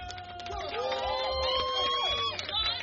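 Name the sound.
crowd cheering wildly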